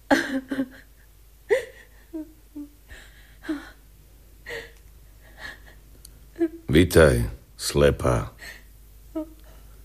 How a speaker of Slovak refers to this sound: Kto to tak ticho plače? Kto ešte prišiel s tebou? Istá stará žena, ktorá ma vodí po cestách.